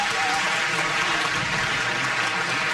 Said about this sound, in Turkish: Efendim koromuzu ve şefimiz Soner Özbilen'i bir kez daha alkışlıyoruz.